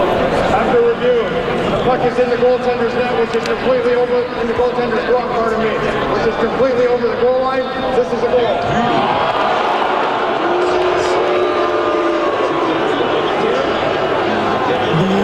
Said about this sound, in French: Donc là, la foule est en attente de la décision des arbitres qui décident de revoir s'il y a but ou pas sur un lancer des sabres.